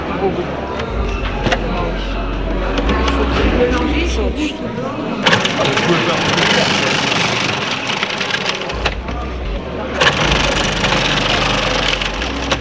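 A food processor whirs with a low, steady motor drone while cabbage is finely shredded into a dense, crunchy rasp, loud throughout, swelling into harsher bursts about halfway through and again near the end.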